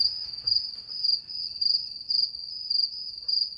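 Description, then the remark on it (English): Crickets chirp steadily in a high, continuous trill, pulsing in a regular rhythm at moderate volume, with no voices and only faint low background rumble. “So 370 billion crickets are farmed for food every year.”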